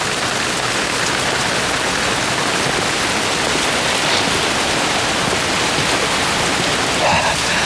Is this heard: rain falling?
yes